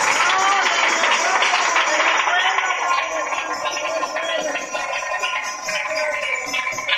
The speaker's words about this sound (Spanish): ¡Otro aplauso al Señor, hermanos! ¡Gloria a Dios!